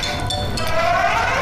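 Wine glasses clink together in a toast over a welcome drink, a couple of quick bright chimes that ring on briefly over a steady, busy background.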